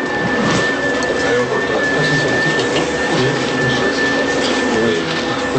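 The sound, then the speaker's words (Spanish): A steady, loud rush of blowing air from an air shower used to remove dust, lint, threads and other particles from clothing, continuous for the whole stretch, with a thin high mechanical whine running constantly through the noise. “Ese tipo de ducha de aire los ayuda a quitarse todo eso de encima.”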